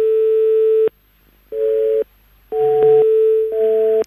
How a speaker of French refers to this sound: Apparemment, c'est la nouvelle sonnerie, comme quoi vous êtes occupé. Votre correspondant est occupé.